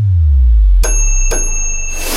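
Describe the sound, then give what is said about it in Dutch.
Two bright, high microwave beeps, the second following about half a second after the first, each ringing on with a sustained tone rather than cutting off cleanly. The beeps signal the number of correct answers in a quiz. No one speaks. “Als je vier piepjes hoort van de magnetron, zijn ze alle vier goed.”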